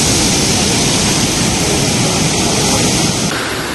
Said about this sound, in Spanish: Así entraba el mar en el paseo de ese barrio del sureste de Gran Canaria, colándose en algunas casas y dejando vídeos curiosos de esas olas en las redes sociales.